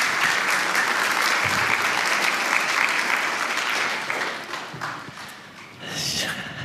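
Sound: audience applause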